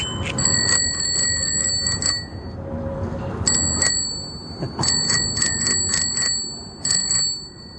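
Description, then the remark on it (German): A bicycle bell rings in quick, bright bursts, several rapid trills with short pauses between, loud over a steady low rumble of outdoor background noise. “Das war das Fahrradklingeln.”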